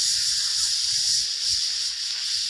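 A loud, steady sizzling hiss, like food frying on a hot grill, runs unbroken for a couple of seconds with a faint low rumble beneath it and no voices.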